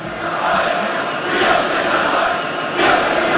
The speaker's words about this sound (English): And then came 1989, the fall of the wall, the end of communism. A huge cheer goes up as the first of the East Berliners come across to the West.